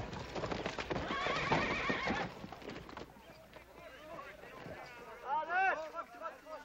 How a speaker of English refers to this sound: That's what I call riding a horse. Oh, well, you gotta admit I tired him out a little bit.